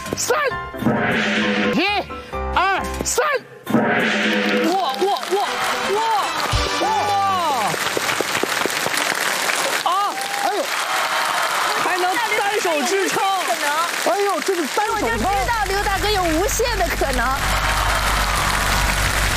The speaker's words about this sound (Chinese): 掌声响起来。